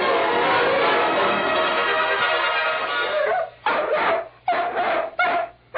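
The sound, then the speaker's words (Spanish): A dog barks in a dense, continuous run for several seconds, then breaks into three or four shorter, sharp bursts separated by brief pauses. Loud and harsh throughout, with no talking. “¡Quítate de aquí, animal!”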